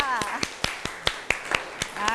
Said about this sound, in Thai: เอาขอเสียงปรบมือให้เพื่อนด้วยค่ะ